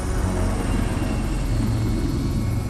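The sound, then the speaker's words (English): A Royal Navy Commando Merlin military helicopter's engine and rotors roar steadily and loudly at Yelverton Air Station, home of the Commando Helicopter Force: a dense low rumble with a broad whining wash above it, sustained throughout with no speech. “The Commando Merlin is one of the biggest helicopters in the Royal Navy's arsenal.”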